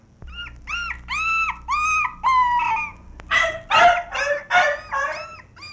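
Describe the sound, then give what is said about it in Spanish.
A dog barks in a rapid, agitated series of about ten high, yelping barks, loud, as it attacks a man and holds him by the back of his trousers, with no voices alongside. “Uy, hombre, sin saber a qué hora le tiré el ramo de flores al perro, mire.”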